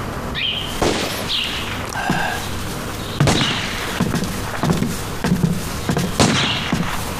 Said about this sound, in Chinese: 哎，枪声是不是少了？ 哎，是稀了不少。